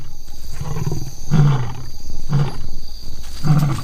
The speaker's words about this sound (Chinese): 雌狮一般会避开正在进食的雄狮，而一头没有经验的年轻雌狮偏要去碰碰运气。两头雄狮可以轻而易举地杀死雌狮，不过拍击和咆哮可以起到警示作用。